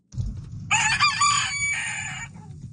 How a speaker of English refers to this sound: Well, that rooster, pretty alarming. Woke you up.